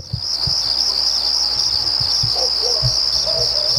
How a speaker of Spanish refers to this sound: Tenemos los grillos, ¿no?